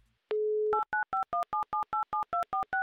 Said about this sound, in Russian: Итак, я набираю ваш номер телефона